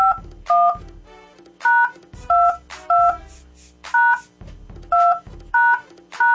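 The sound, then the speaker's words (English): Telephone keypad dialing tones as a phone call is placed: about ten short, steady two-note beeps pressed in a quick, fairly even rhythm, each beep loud and clear with brief gaps between, and no voices. “Call her one more time.”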